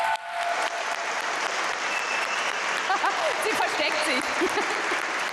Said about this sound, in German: Einen Riesenapplaus für dich.